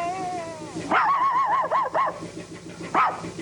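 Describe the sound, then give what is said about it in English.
A dog gives a run of high, wavering yelping barks next to a barn on moonlit rural farmland at night. Several barks come in quick succession, then one more after a short pause. The sound is clear, with no talking. “Next to a barn, the silhouette of a dog stands barking into the night sky.”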